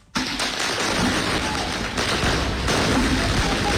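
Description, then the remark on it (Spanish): Dense, continuous crackle of rapid bangs and pops from fireworks set off by police trying to disperse groups at a street protest on the morning of 2 October, loud and sustained with faint voices mixed in. “La policía reaccionando con fuegos artificiales, tratando de disolver los grupos, y luego los camiones de bomberos llegando a apagar esas fogatas que se han iniciado en las calles.”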